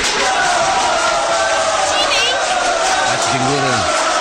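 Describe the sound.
A dense, steady wash of audience applause fills the whole stretch, loud, with scattered voices calling out within the crowd noise.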